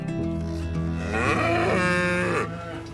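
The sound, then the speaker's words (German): Cows moo loudly as they are about to go out to pasture for the first time this year, several long, overlapping bellows filling the full three seconds with no talking, one call rising and falling in pitch near the middle. “Hallo, heute haben wir alles vorbereitet, dass die Kühe zum allerersten Mal für dieses Jahr auf die Weide können.”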